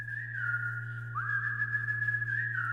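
A clear, sustained whistled melody from a pop song, holding long steady notes with a few pitch slides, played over a constant low hum with no talking.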